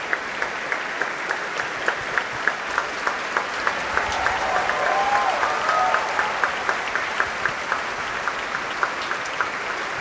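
Sustained applause from a large audience in the Grote Zaal of the Concertgebouw, Amsterdam, for Nathalie Stoetsman's conducting debut, dense steady clapping with some sharper individual claps standing out, swelling slightly in the middle before holding steady throughout.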